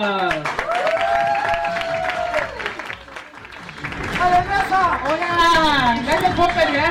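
An audience applauds a guest comedian from Bolivia steadily for about seven seconds, with rising and falling whoops and cheers sounding over the clapping. The applause dips briefly midway, then swells louder again.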